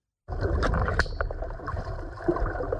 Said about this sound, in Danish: Vildt nok. Det virker simpelthen. Ja. Vand og pling.